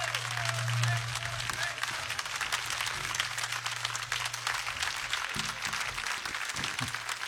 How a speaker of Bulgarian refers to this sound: Моля вашите силни аплодисменти за …, …, контрабас и бас-китара.